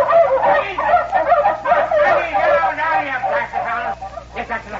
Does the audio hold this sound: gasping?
no